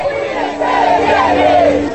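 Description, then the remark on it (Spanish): A large crowd at a protest demonstration about water shouts and chants together in a loud, continuous roar, many voices overlapping with rising, rhythmic calls that swell slightly louder toward the end. “¡Cuánta gente en esa manifestación!”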